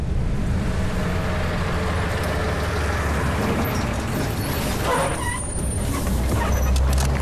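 A car drives along on a ride of over an hour from Gonggar Airport to Nedong in Tibet, with a steady engine rumble and constant road noise that never lets up, plus a few faint mechanical rattles and a thin high whine partway through.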